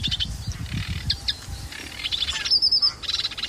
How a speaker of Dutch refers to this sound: Ja, ook zwaar onder de indruk van de virtuositeit van de Rietzanger met al zijn belletjes en knorretjes en rateltjes.